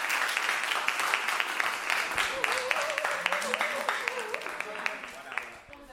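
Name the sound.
audience applause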